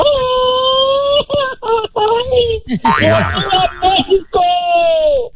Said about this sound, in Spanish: Y tercer y último filtro para ganarse este par de boletos para la inauguración México-Sudáfrica en primera fila. Necesito que se aviente un grito bien mexicano que se escuche hasta su tierra, Guanajuato.